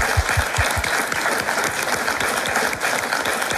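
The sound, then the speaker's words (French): A crowd in public at the Château de Lavourie de Antine claps steadily for everyone, a dense, continuous wash of many hands applauding, with no voices rising above it across the few seconds. “Alors, comme nous avons la chance d'être en public ici au château de Lavourie de Antine, je propose qu'on applaudisse encore une fois tout le monde.”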